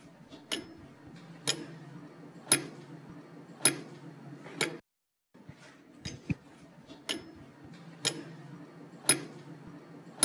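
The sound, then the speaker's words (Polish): A mechanical castle tower clock, maintained by a clockmaker, ticks loudly and steadily, about once per second, with sharp clicks over a low droning hum; the sound briefly cuts out midway, then the ticking resumes. “jest zegarmistrzem oczywiście i dba o to, żeby ten zegar chodził punktualnie.”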